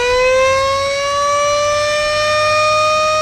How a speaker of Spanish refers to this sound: Porque cuando suene la sirena va a haber premio. A ver, contame. No la tengo tan pensada. No empuje. Poné sirena, señores.